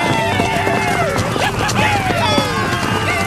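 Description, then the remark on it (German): Horses gallop in a loud, chaotic rush as Comanche riders storm into Veggie Town shooting arrows. Their rapid hoofbeats thud beneath rising, wavering shouts and cries from several voices, with scattered sharp knocks throughout. “Die Comanchen stürmen mit Pferden in die Stadt und schießen ihre Pfeile ab.”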